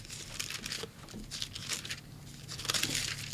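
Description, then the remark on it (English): Thin Bible pages rustle and crinkle in a steady flurry of soft, bright swishes, with brief louder bursts as sheets are turned while someone looks for Zephaniah chapter 3, and no voices. “I hear you flipping, brother.”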